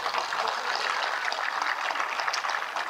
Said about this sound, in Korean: 나를 위해서 주야로 밤낮을 가리지 않고 이 행사를 한 임원들에게 큰 박수를 부탁드립니다.